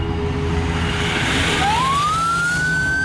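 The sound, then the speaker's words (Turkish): An emergency vehicle siren is switched on partway through and wails upward in pitch as the vehicle moves to overtake a bus. The siren is loud over a heavy rumble of engine and road noise. No one speaks. “Aç sirenlerin sesini, şu otobüsü solla.”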